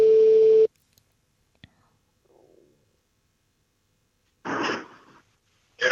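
A single loud, steady ringback tone from an outgoing phone call made early in the morning from a car on the way to work, lasting under a second, followed by a faint click, near silence, then a voice answering on the line.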